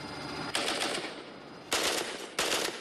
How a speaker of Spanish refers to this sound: ¿Dónde fue la explosión? Muéstramelo. Cayó en la carretera.